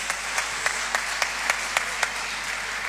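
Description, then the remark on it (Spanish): An audience applauds the Concepcioneros, a dense hiss of many hands with a steady unison beat cutting through, about ten evenly spaced claps, at a moderate level and with no voices. “Me parece que nos quedamos cortos con el aplauso, ¿oh?”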